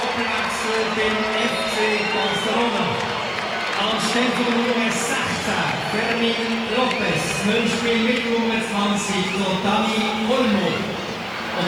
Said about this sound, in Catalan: Entrarà Lamine, que ara sentirem la ovació, evidentment, de cap al jugador de Mataró. I també entrarà Dani Olmo. Escoltem l'ovació.